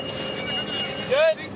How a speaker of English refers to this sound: Long strips of sod, almost 4 feet wide, have already been cut. A tractor revs up to help roll them. People follow behind, curling the strips into fat spirals of dirt and grass.